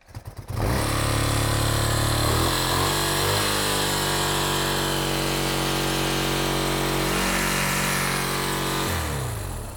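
An old motorcycle engine with fuel in the carburetor coughs to life after a few quick cranking pulses with the ignition on, then runs steadily and loudly at a rough idle for several seconds before cutting out near the end.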